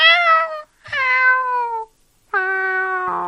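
Three drawn-out, high-pitched meows, like a kitten's, each steady and clear with short silent pauses between them, the last one ending in a rougher, wavering tone.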